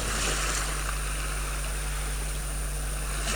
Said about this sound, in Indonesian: Kenapa arus laut kencang sekali? Guru bisa mati tak bawa arus ini.